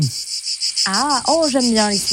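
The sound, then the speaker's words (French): Cicadas drone steadily throughout, a loud, high, shimmering buzz with a fast pulsing rhythm, while a voice makes drawn-out sounds over the second half. “Ah, oh, j'aime bien les cigales.”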